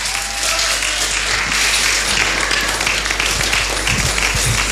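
Loud, sustained applause from an audience, a dense wash of many hands clapping steadily throughout with no break, and no clear voices above it.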